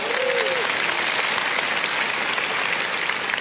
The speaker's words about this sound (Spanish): Muchas gracias, un aplauso fuerte a esa familia.